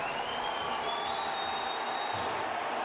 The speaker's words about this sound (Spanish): Viene el cambio de Portland y es Valeri el que va a entrar por Van Ronkin. Y escuchen este aplauso para Diego Valeri.